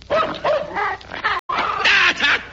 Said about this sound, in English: I thought you said your dog didn't bite.